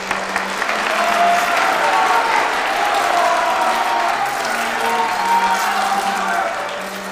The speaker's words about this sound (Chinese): 各位嘉宾，各位朋友们，请以最热烈的掌声欢迎今天的主角——超级模特